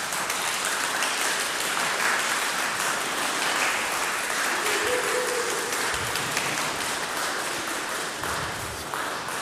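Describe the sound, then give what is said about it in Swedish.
Steady applause from a crowd for the musicians, a dense rush of many hands clapping at an even, sustained loudness throughout, with no voices rising above it. “Får de en applåd eller?”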